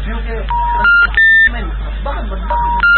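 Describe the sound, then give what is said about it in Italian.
A mobile phone call rings without being answered: two short bursts of electronic tones about two seconds apart, fairly loud, over a low steady hum. “non ha risposto al cellulare.”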